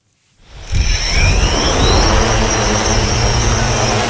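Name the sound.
drone flying overhead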